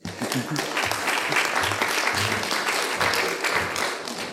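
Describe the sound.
Sustained audience applause, a dense steady wash of many hands clapping at even loudness for several seconds, with faint voices murmuring underneath.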